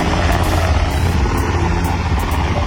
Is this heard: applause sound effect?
no